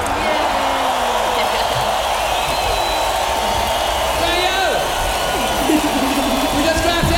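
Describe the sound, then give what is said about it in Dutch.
A crowd applauds steadily and loudly for several seconds, a dense wash of clapping mixed with cheering voices and a few rising whistles. “Neem maar wel een applaus.”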